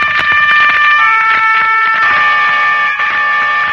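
A loud, strident car horn blares continuously, its bright steady tones held for the whole stretch, with some rattling traffic noise beneath.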